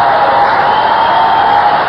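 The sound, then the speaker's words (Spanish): A church audience applauds and cheers loudly during a sermon, a dense, steady roar of clapping and shouting that holds at an even level for the full two seconds, with no single voice standing out. “Si vas a aplaudir, vamos con ganas.”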